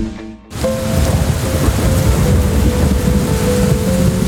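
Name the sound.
heavy rain with thunder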